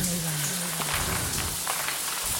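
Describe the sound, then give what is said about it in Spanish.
Water from a bathroom shower drips and splashes steadily onto a hard surface, a dense patter of drops, with a low hum faintly underneath and no voices. “Cada gota de agua parecía más fuerte, más cercana.”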